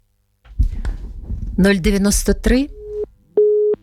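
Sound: telephone busy tone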